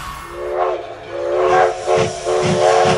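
A steam train whistle blows in long, wavering tones over a steady hiss of steam, joined near the end by rhythmic low chuffs. No one speaks.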